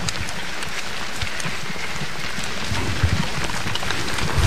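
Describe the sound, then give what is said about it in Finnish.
Steady, dense rain, growing heavier, hisses across the whole clip at an orienteering race control point, with a constant patter of individual drops ticking through it and a low rumble underneath. No one speaks. “Ja sadekin alkoi tässä vielä kiihtyä.”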